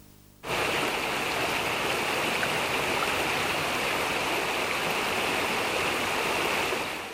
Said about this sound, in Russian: Нарисованное солнце еще не знало, что дождь шел с утра до вечера, день за днем.